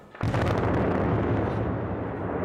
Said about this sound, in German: Heute folgte dann die dritte Sprengung und es wird nicht die letzte gewesen sein.